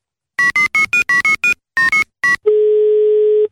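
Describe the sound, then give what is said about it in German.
A quick run of about ten touch-tone dialing beeps, then a single steady telephone ringing tone lasting about a second, loud and clear with no voices, as a phone call is placed. “Rufen wir ihn jetzt an.”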